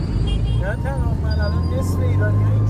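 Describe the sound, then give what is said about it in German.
Steady city street traffic in Tehran, Iran, with a heavy low engine rumble from passing cars and from motorbikes squeezing between the cars, while indistinct voices chatter faintly in the background throughout. “Motorräder drängen sich zwischen Autos hindurch. Irgendwo hupt immer jemand.”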